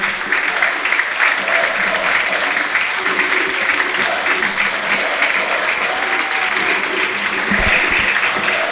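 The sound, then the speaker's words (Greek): A large stadium crowd applauds Panathinaikos player Tetteh as he is substituted off for Pantović, a dense, sustained clatter of clapping that holds at an even, loud level for the whole stretch, with a faint murmur of voices underneath. “Τετέι χειροκροτείται.”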